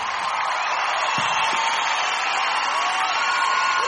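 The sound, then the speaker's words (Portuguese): A large audience cheers and applauds, a dense, steady wash of clapping and shouts that holds at the same loudness for the whole stretch with no single voice standing out. “Pode aplaudir, gente. Pode aplaudir por tudo.”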